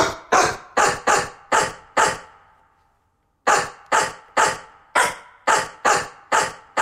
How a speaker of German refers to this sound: Ja, hat schon mal eine gute Stimme, oder? Und so klingt's, wenn wir uns Horsts Bellen schnappen und daraus einen bekannten HR4-Hit zaubern.